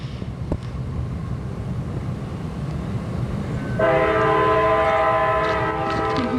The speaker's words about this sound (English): Yeah, so we got trains.